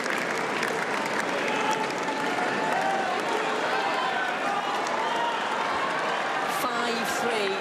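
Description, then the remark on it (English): A large crowd roars and applauds throughout on Centre Court at a tennis match, a dense, sustained wash of cheering and clapping filling the big open stadium, with individual shouts rising above the din, as Linda Moskova leads 5-3 in the final set and gets to serve out the match. “A loud cheer ringing around centre court.”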